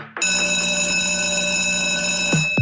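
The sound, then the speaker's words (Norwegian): A loud electric bell rings in a radio advertisement for Nykøbing F-teater, in one continuous, steady metallic burst for over two seconds, then cuts off with a couple of quick downward-sweeping tones at the end. “Det ringer ind til noget helt særligt.”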